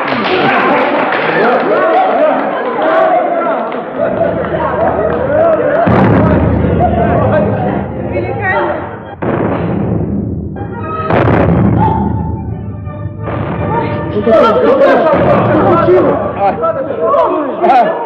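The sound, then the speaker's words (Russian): A salute of cannon fire by artillerymen during a mazurka dance: several loud, booming blasts at irregular intervals, each ringing out over dense background noise of voices and commotion. “Это наши доблестные артиллеристы салютуют своей матери, командирше Вере Алексеевне.”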